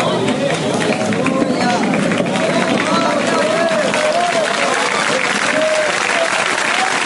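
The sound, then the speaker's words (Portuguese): A large crowd claps hands steadily and loudly throughout, a dense continuous wash of applause with a singing voice faintly carried above it. “Cadê o povo nas palmas?”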